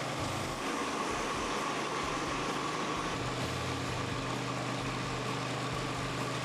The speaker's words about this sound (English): Well, now it's just a matter of going slow and steady, but look at the difference in the floor after the grinder has gone over it. It's pretty amazing.